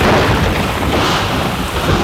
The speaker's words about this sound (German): Gewitter und Regen, momentan Thema hier bei uns in München, auch jetzt im Feierabendverkehr.